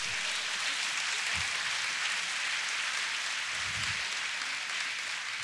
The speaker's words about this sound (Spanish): si va a aplaudir al Señor, hágalo fuerte.